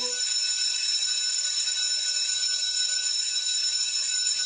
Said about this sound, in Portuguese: A diretora foi até o sino da escola e bateu.